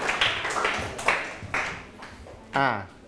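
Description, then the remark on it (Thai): In a Thai-language class on Thai idioms, a group of students claps for themselves in a loose, steady rhythm of about half a dozen sharp bursts, moderately loud, before a short voiced sound near the end. “ปรบมือให้ตนเองอีกครั้งครับเก่งมากมาก”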